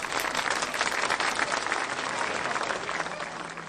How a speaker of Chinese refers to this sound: 哇，真不错，大家请鼓掌。